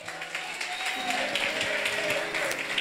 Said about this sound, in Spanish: Dele aplauso al que vive, corra. Déselo fuerte a papá.